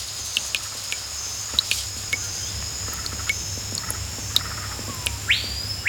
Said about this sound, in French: L'air est chaud et humide. La vie foisonne. Écoute. Tu entends le bavardage des oiseaux? Les hurlements des singes? Le coassement des grenouilles, des crapauds et des rainettes? C'est une forêt sauvage d'une grande beauté. C'est la jungle.